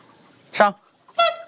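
Two loud, brassy honks from a swan at a bird rescue station in China, each a short harmonic call with rich overtones, separated by a brief pause over a faint background hiss.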